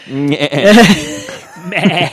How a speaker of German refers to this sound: Nee, das war ein Schaf.